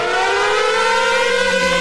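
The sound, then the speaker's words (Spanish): A loud, continuous siren wail with a steady tone that slowly climbs in pitch, filling the whole moment with no voices over it. “¡Cuatro sirenas, amigo!”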